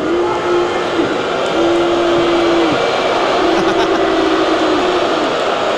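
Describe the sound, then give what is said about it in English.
A loud, dense arena crowd roar at the 2026 NHL draft, egged on by commissioner Gary Bettman before the first overall pick by Toronto, with long, low sustained boos swelling and breaking off several times over the steady cheering. “Gary Bettman egging on the crowd here.”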